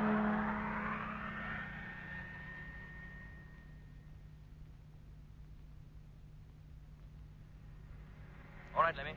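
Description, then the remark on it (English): A truck engine starts up and revs, its pitch climbing before settling into a steady low rumble that gradually fades as it pulls away, with a brief sharp noise near the end. “Yes, Jet. Motor on. And here we go.”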